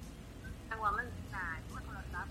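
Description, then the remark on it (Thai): A wife's mobile phone rings with a bright, melodic ringtone in short repeating bursts, moderately loud, over a low rumbling background. “เสียงโทรศัพท์เมียคือดัง”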